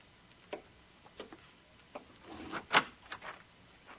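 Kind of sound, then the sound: household object, wooden door being opened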